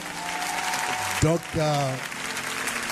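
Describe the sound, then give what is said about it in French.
An audience at a worship gathering in Paris gives applause to the Lord. It claps steadily for the full three seconds, a dense wash of clapping, while raised voices cry out over it, one sustained and rising in pitch. “Donnons un applaudissement au Seigneur.”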